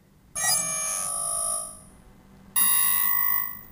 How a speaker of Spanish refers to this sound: ¿Qué le pasa a esta alarma hoy?